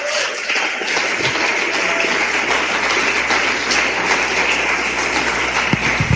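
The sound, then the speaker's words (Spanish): A crowd claps steadily for the Lord for about six seconds, a dense, even wash of many hands with no pauses and no clear individual beats, loud throughout with no voices over it. “Un aplauso al Señor.”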